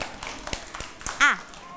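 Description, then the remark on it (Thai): Children in a lesson give themselves a handful of sharp, separate hand claps at an uneven pace, moderately loud, followed by a short burst of a high voice speaking. “ถูกต้องปรบมือให้ตนเองดังๆ”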